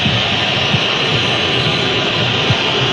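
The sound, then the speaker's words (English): Colombia football supporters whistle en masse during a spell of possession by Uzbekistan, a steady, loud high-pitched hiss of crowd noise that barely varies over the few seconds, with a low rumble underneath and no clear voices. “You can hear the whistles from the Colombia supporters.”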